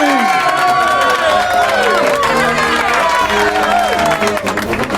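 An audience bursts into sustained applause, a dense, loud wash of clapping mixed with excited cheers and rising and falling whoops that carries on steadily throughout.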